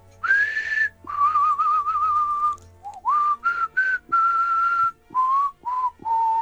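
A man whistles a tune, a sequence of clear sustained notes and short phrases with brief pauses between them, steady pitch shifting gently from note to note, no talking.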